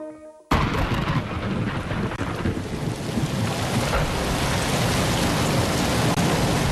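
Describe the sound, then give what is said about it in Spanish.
Heavy storm rain bursts in abruptly after a brief moment of quiet, then pours as a loud, dense, steady roar with a deep rumbling undertone, with no voices. “Lloviendo, sí, llueve.”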